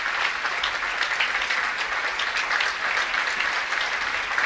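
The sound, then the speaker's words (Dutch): Steady, dense applause from a concert audience in a hall, welcoming the musicians of Gamelan Salukat before they play Cyclus by Dewa Alit. Many hands clap at once in a continuous bright crackle at an even level throughout, with no voices standing out. “Je hoort het aan het applaus.”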